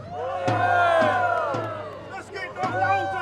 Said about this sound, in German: Das Volk jubelt!